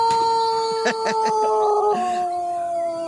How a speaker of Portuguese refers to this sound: Minha irmã, nervoso. Olha o galo nervoso. Esse galo aí tá nervoso mesmo, viu